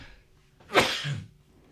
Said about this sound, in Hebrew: ואני עומד להתעטש.